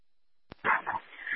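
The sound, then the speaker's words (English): A police dog being put down at a perimeter on the 5500 block of Memorial by a Chase Bank, in a search for a man, gives a burst of excited yelping barks that trail into high, strained whimpers, fairly loud, right after a sharp click, with no talking. “Yeah, perimeter set up. I'm put the dog down.”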